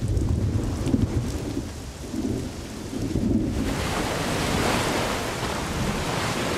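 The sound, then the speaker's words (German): Deep, rolling thunder of a severe thunderstorm rumbles through the first half, then a dense, steady downpour of heavy rain takes over and hisses loudly to the end. No voices are heard. “Schwere Gewitter ziehen auf.”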